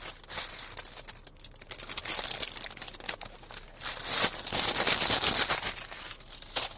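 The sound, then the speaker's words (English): A snack bag crinkles and crackles continuously for several seconds, with bursts of sharp, bright rustling that swell louder toward the end. No one speaks. “So, as you hear me chew, a little ASMR for you, a little bag ASMR.”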